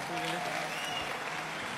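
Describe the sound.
An audience in Argentina applauds loudly for a man who came to translate for visiting American preachers, with steady, dense clapping that fills the whole short stretch at an even level, with a faint murmur of voices underneath.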